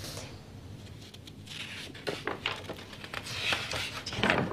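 Pages of old handwritten minute books being turned, giving a dry, papery crackle with several sharp rustling bursts that grow a little louder toward the end, with no talking.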